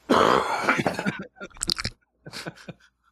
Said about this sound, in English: He coughs in the video. He coughs into a rag. After he says he was eating jalapenos during the break, he's like burping and coughing. He coughs hard in this rag and then wipes his forehead with the rag.